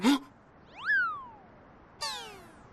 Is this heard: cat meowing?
yes